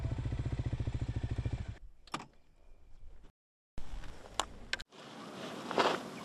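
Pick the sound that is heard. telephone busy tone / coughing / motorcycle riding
motorcycle riding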